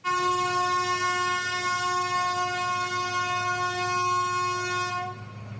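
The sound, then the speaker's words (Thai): A train passes a railway level crossing at Soi Khao Talo, Bang Lamung district, Chonburi, Thailand, in the afternoon, blasting one long, steady horn for about five seconds over a low rumbling roar, loud throughout, with no voices. “คลิปเหตุการณ์นี้เกิดขึ้นเมื่อช่วงบ่ายวันนี้นะคะบริเวณทางตัดรถไฟซอยเขาตาโลตำบลหนองเปลืองอำเภอบางละมุงจังหวัดชลบุรีหลังรถกระบะพยายามที่จะขับฝ่าสัญญาณเตือนขณะที่ไม้กั้นทางรถไฟกำลังปิดทำให้ไม้กั้นค้างอยู่บนหลังคารถและรถนั้นก็จอดอยู่ใกล้กับรางรถไฟค่ะ”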